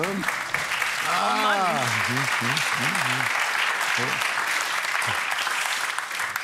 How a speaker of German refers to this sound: Ihr müsst ja nicht klatschen, das war falsch. Nur die Schadenfreude der anderen, die zu Applaus führt.